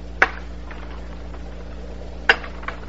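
Two drinking glasses shatter after a toast in two sharp, bright crashes about two seconds apart, each ending quickly, with a faint tap after the second over a steady low hum.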